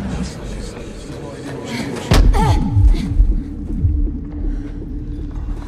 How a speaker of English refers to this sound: Tris jogs into the pit and sees a group of her friends. She tries to join them, but slams into a transparent barrier.